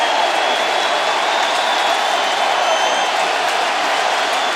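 A big baseball stadium crowd cheers and roars after Terang's home run ties the game at one, a loud, steady wash of noise that holds for the whole stretch, mixed with scattered clapping and no talking over it.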